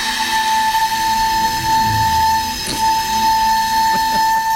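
A single breathy whistle-like tone from an old, damaged recorder flute that lay 600 years in a water well, blown carefully by a flutist, held steady and unwavering for several seconds over a thick rush of airy hiss, with soft clicks and bumps underneath.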